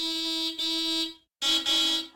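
Someone in a car honks the car horn twice, a long loud blast followed by a short pause and a slightly shorter second blast, with no voices.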